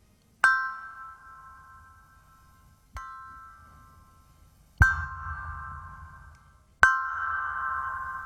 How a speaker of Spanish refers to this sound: Puede ser un gong. ¿Eso es relajante? Sí, mira.